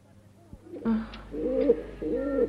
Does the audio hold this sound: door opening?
no